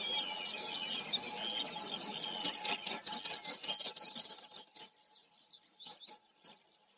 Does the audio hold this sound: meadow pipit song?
yes